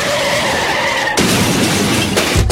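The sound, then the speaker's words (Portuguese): Loud car tires screech in a sustained squeal for about a second, then a sudden harsh crash of crunching noise as one car hits another takes over and rumbles on to the end. “Olha só o que você fez no meu carro!”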